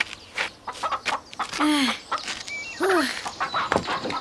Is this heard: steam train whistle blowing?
no